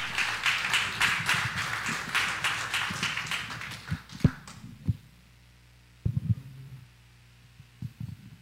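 A church audience applauds the Lord before receiving the sermon: dense, steady clapping from many hands for about four seconds, then it tapers off, leaving a few scattered claps and low thumps.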